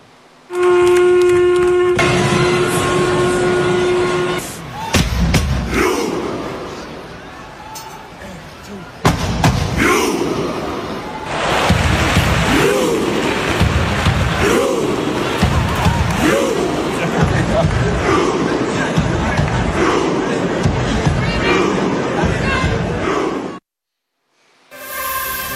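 Thousands of football fans at the stadium in Oslo perform a synchronized Viking chant during the match against Sweden: a sustained low horn-like tone, then loud unison claps and shouts repeating in a steady rhythm, about every second and a half, over constant crowd roar.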